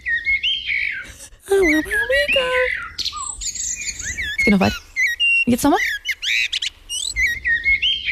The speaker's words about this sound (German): wenn ich so schön singen könnte wie so eine Amsel, die hat ja wirklich einen ganz spektakulären Sound